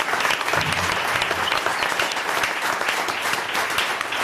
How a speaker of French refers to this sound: On applaudit les bénévoles de Bossonnance, c'est l'association qui organise à plein air.